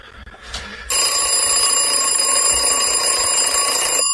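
After a brief, quiet start, a loud alarm clock kicks in with a steady, shrill electronic ring that stays continuous for about three seconds. Nobody speaks.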